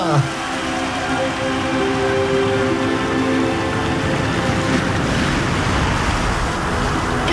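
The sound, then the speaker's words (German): Steady, rushing sea surf and blustery wind fill the whole stretch at a fairly loud, constant level, with a faint voice-like hum beneath. “Ein Windstoß hat sie ins Meer getragen.”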